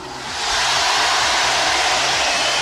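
A firework rocket launches in Logroño with a loud, steady rushing hiss that swells in over the first half second and then holds without a break, with a low rumble underneath and no voices.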